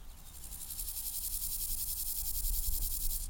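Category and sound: insect, grasshoppers chirping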